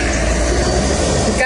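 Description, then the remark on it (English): Engines of ten heavy relief trucks rumble steadily and loudly on a mountain road to Rasua, a continuous low idling drone with indistinct voices murmuring underneath. “So right now we are waiting for all the 10 trucks to move from here, then only we can move ahead.”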